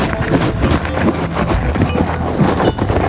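A horse chewing crunchy feed, a steady run of rough grinding crunches and rustling that fills the whole three seconds with no one talking.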